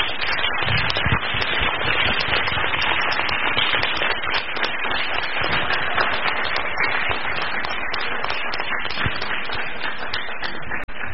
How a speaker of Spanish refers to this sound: Como que intentamos dar un aplauso, estaría bueno que diéramos el aplauso como debe de ser para...